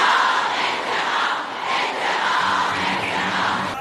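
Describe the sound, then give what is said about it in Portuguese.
A huge crowd of mourners at the Grand Musala in Tehran, Iran, carrying flags and photos of Ayatollah Ali Khamenei, shouts and chants for revenge, with words of death to Israel and the United States, in a dense, continuous roar, voices blending into a loud wall of sound that swells slightly in waves, with a few louder individual cries near the end. “Carregando bandeiras e fotos do Ayatollah Ali Khamenei, gritaram por vingança, com palavras de morte a Israel e aos Estados Unidos.”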